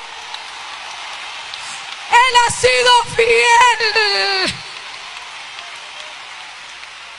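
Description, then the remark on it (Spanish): An audience applauds with a steady, dense crackle that runs the whole length, while a voice calls out a short, loud phrase over the clapping partway through. “¿Cuánto le dan un aplauso a su gloria?”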